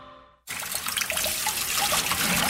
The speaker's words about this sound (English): Oi, why is that tap running? Those dishes aren't going anywhere.